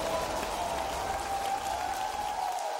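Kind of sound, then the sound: crowd, audience clapping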